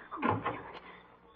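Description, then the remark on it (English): A door opens as someone comes in, with a brief scraping rattle lasting about half a second, moderately loud, then fades into quiet. “Somebody's coming in the door.”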